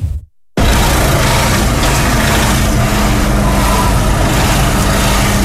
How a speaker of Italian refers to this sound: Lunghe code di auto lungo la litoranea tra Quarto e Villa Simius per i cantieri aperti del Tyrrhenian Link.